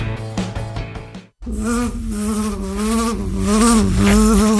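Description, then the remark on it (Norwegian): A steady, dense buzzing of many bees (queens, drones and workers) in a bee yard, a droning hum that wavers in pitch, briefly cut off after a short opening burst and then resuming loudly to the end. “Eller gå ut til dronninger, dronene og arbeiderne I biegaren?”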